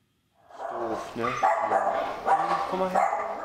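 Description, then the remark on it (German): An old, sick mixed-breed dog named Drop barks, letting out a run of short, tonal barks and yelps in quick succession over about three seconds, fairly loud against a quiet background. “Das ist Drop, ein alter, kranker Mischlingshund, vor 3 Wochen zu Ferienbeginn ausgesetzt.”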